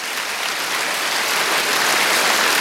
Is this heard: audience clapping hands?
yes